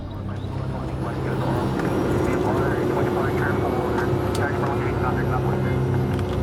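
A small Cessna propeller plane drones steadily in flight an hour after takeoff, approaching Scarborough Shoal in the South China Sea, a loud, continuous engine hum with low rumbling tones and no breaks.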